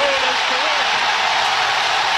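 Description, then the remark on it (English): A huge stadium crowd in Seattle roars in celebration after a goal, a loud, dense wall of cheering that holds steady and unbroken from start to finish. “That crowd was incredibly loud.”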